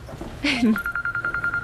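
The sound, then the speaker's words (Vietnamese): A telephone rings with a rapid electronic trill, steady pulsing beeps following a brief vocal sound at the start; the ringing is clear. “Đi trước đi, anh nghe điện thoại một chút đã.”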